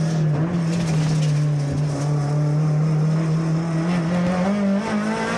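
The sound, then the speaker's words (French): A car engine screams at high revs, about 8008, under full throttle in second gear as the car starts to get wheelspin, a loud, steady mechanical howl with a strong low drone that climbs slightly in pitch, with no talking over it. “Quel bonheur de l'entendre à 8008 ce moteur.”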